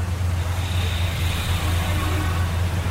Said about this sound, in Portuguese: Trânsito.